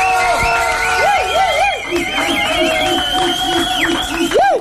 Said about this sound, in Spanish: para quien pido un fuerte aplauso, por favor. ¡Bravo!